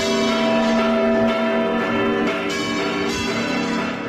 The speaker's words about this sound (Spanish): que tiene a la Giralda, la torre de la Catedral de Sevilla, como protagonista, y que se celebra el Día de San Pedro, el 29 de junio, ya desde la medianoche, es decir, del domingo al próximo lunes, y que tiene incluso un repique especial de campanas.